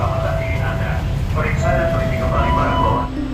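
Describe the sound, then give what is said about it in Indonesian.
A KRL commuter train rumbles loudly and steadily at a station platform, with a faint metallic whine riding over the noise and indistinct voices of crowding passengers murmuring in the background. “Tapi di sini tentu saya tidak sendiri, masih banyak perempuan-perempuan lain yang tentunya berjuang untuk bisa menuju ke kantornya dan kembali ke rumahnya dan menggantung hidup pada moda transportasi kereta komuter lain ini.”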